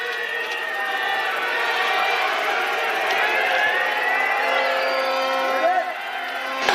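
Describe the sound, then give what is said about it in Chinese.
Spectators at the Milan Cortina Winter Olympics biathlon mixed 4x6 km relay shout and cheer as the athletes start, echoing through the valley, a dense, loud wash of many overlapping voices with occasional higher whoops. Snow 0°C, air 4°C, humidity 45%, south wind 2 km/h. “好，选手们出发，观众的喊声响彻山谷。”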